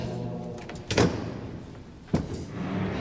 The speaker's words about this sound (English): knock, knock.